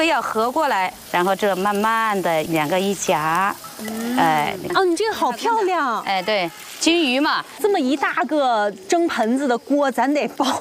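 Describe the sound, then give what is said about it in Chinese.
Lard sizzles and crackles softly in a ladle over a flame as two spoonfuls of egg are added and the ladle is slowly turned to make egg dumplings, a steady frying hiss running beneath continuous conversation between several people. “把这个油放在里面，哦，对，哎，这是猪油，然后就两两勺那个鸡蛋，在火上慢慢的转这个勺子， 对，转匀，然后转匀以后放那个肉馅儿。”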